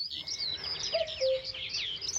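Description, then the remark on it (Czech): A single two-note cuckoo call, a higher note falling to a lower one, rings out briefly over a steady chorus of high chirping songbirds in a quiet woodland. “Když byl hezký slunečný den, v lese byl příjemný chládek a všechno vonělo, často jsme slýchávali kukat kukačku.”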